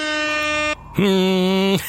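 Two loud, steady blasts from a Tröte (toy horn), each a sustained buzzing tone about three-quarters of a second long, the second one lower and stronger after a brief gap, signalling that a decision must now be made.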